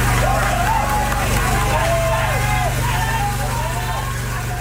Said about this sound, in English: Rescue workers cheer as four people who were trapped in a cave for 10 days are brought to safety. The group had entered the underground passage to search for gold and were caught by floodwaters.